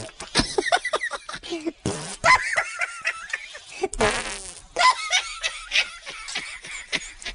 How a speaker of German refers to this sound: Die Hefen und die Bakterien essen den Zucker, der im Mehl ist, und verdauen ihn. Dabei pupsen sie ein Gas aus, CO2.